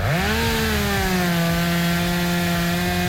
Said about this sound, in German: So, aufräumen mit der Kettensäge.